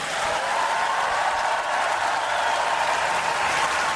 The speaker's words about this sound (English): After being greeted with a long applause, Petr Pavel said